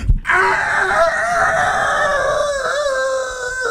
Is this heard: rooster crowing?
yes